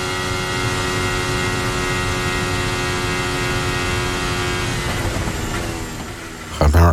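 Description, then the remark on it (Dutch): Lewis Hamilton's Formula 1 car engine screams at high revs, holding a steady, harmonically rich whine for several seconds before the pitch drops and sweeps as it backs off, ending in a brief loud burst. “Nee, wat ik juist hoor is dat hij iets eerder teruggaat, maar veel stabieler hoog blijft”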